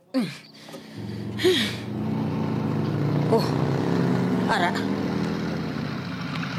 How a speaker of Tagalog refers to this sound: Ato, may motor nga nagpundo sa ugsara namon.